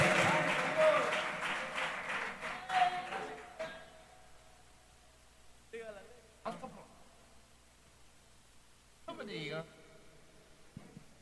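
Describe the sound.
An audience at a church anniversary thanksgiving service bursts into dense, loud applause for the Lord for a few seconds, the clapping thinning out and fading, followed by a voice speaking in short phrases over a quiet background.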